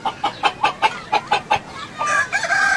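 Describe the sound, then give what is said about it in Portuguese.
A chicken clucks in a quick run of about nine sharp, evenly spaced calls, then breaks into a longer, drawn-out crowing call, fairly loud, with no talking. “Você só viu o ovo, não viu a galinha, não?”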